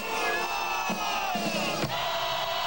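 A large group of young cadets of the Venezuelan Bolivarian Navy shouts in unison, a loud, sustained collective cry with rising and falling pitch lines, roaring their motto Dios y Patria together with no pauses.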